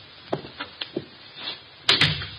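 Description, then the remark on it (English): A door opens: a few light clicks and rattles of the latch, then a sharper double knock as it swings and bumps. No one speaks. “What do you know? The door's open.”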